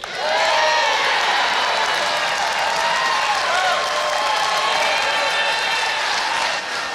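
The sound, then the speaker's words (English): A large crowd erupts in sustained applause and cheering, the biggest of the night, in response to a speaker's promise to bring back plastic bags, loud and continuous for several seconds, with whoops and shouts rising over dense clapping. “Then, the biggest applause of the night comes with this promise.”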